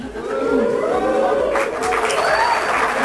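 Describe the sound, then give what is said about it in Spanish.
A large audience at a president's speech claps and boos at once, a steady, dense roar of applause mixed with jeering voices that stays loud for the whole stretch. “Aplausos, abucheos, el presidente celebra.”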